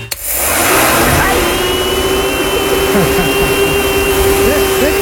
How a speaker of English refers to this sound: Yeah, maybe it's more like a leaf blower. Nah. No? I don't hear it. You don't hear it? Okay. Nah. Is it a hair dryer?